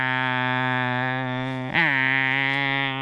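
Male cicadas, calling in competition with each other, drone in a loud, steady, buzzing whine, rich and engine-like. The whine holds constant for the whole clip apart from a brief pitch wobble midway. No one speaks.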